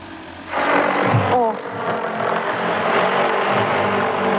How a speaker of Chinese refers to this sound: 而作为空军单位，这里的驱鸟工作也配备了空中力量，使用无人机进行飞行作业，让驱鸟的工作效率大大提升。战士们操作娴熟，还能让驱鸟无人机在空中组成编队。